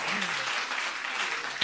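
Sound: audience applause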